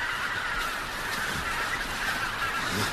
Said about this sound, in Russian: Гуси.